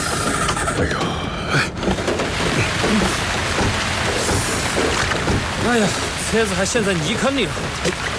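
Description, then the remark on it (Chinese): Steady rain hisses continuously over a low vehicle rumble, heard from inside a moving car on a mountain road, while people talk over the noise. “哎，下雨了。”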